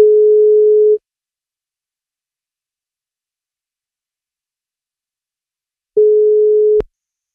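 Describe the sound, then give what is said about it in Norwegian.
A telephone ringback tone: a steady, single-pitched hum lasting about a second, a long silent pause, then a second ring that is abruptly cut short by a click as the line picks up. “Han blir 64 år I dag, og hvis han tar telefonen, så får han bursdagskake.”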